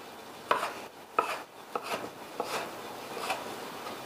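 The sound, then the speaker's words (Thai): A knife chops a mix of two fish, including Spanish mackerel, into small pieces on a cutting board for pounding into hor mok, a Thai steamed fish curry. About five sharp, irregularly spaced cuts, with soft scraping and rubbing between strokes and no talking. “วันนี้เราใช้2ปลาผสมกันนะคุณผู้ชมใช้ทั้งอินทรีใช้ทั้งน้ำดอกไม้หั่นปลาเป็นชิ้นเล็กหน่อยค่ะเวลาโขลกเนี่ยจะได้โขลกง่าย”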